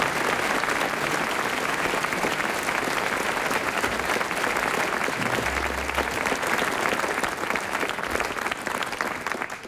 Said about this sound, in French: Il a été très brillant, Hervé Le Tellier, on l'applaudit.